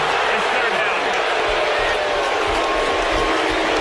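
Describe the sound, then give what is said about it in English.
A massive sellout stadium crowd at Death Valley boos a call ruled an incomplete pass after review, a dense, sustained roar of thousands of voices that stays loud and steady from start to finish with no single speaker standing out. “And the sellout crowd here at Death Valley, not happy with that, but I think that's the appropriate call.”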